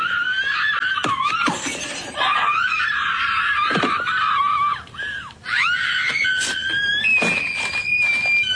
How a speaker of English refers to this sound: Now, it's supposed to be a recreation of a big scene from the movie Mean Girls. The problem is, nobody remembers that particular scene, so it just looks like this lady is screaming because she put the audio from the movie over this.